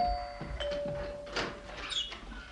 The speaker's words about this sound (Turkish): kapıyı açar mısın? Tamam, açarım açarım.